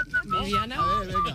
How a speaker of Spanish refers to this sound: ¿Sabes lo que se me da mejor? Se me da mejor silbar.